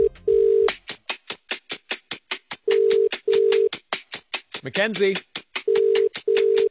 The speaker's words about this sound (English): So let's give her a call. She just needs to answer her phone in 10 seconds.